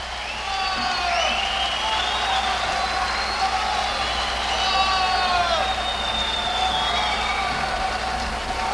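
A crowd applauds and cheers without a break, a dense roar of clapping with shrill whistles and high yells rising above it, steady and loud for the whole stretch.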